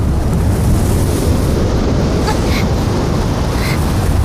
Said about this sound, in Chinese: 这么大的风， 是不是太勉强了？